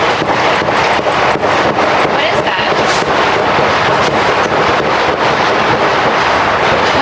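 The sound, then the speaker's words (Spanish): A rapid, irregular string of sharp gunshots cracks out outside the White House, the official residence of US President Donald Trump, heard by an NBC television reporter preparing her evening news report, over a constant rushing wind noise, loud throughout, with indistinct voices blurred into the background. “Este es el momento en el que una reportera de la cadena de televisión NBC, que preparaba su crónica para el informativo de la tarde, ha escuchado los disparos.”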